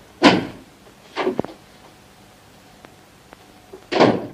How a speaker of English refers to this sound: He grabs the door handle. It comes away in his hand. Indignant, he sticks it back on, turns the key, opens the door and departs.